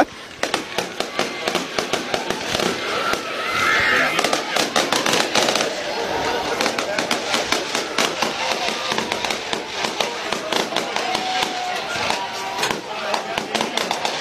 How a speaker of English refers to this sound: And listen to this. A fireworks show here on homecoming night.